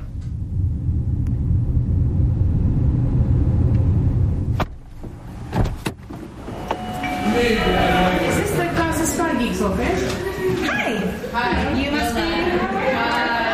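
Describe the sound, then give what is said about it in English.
Steady low engine rumble from inside a vehicle, a sharp thump, then busy, loud street noise with overlapping voices and bright horn-like tones. The vehicle is crawling through heavy traffic with Israeli checkpoints on the way into Ramallah, in the occupied West Bank. “It's always a bit of a struggle nowadays with the Israeli checkpoints, with heavy traffic.”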